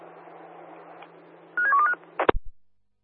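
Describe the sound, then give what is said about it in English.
A quick run of several telephone keypad dialing tones, stepping between pitches in a short burst over a steady low hum, followed by a sharp clunk and rattle before silence. “I'll see if I can give one of you guys a phone call.”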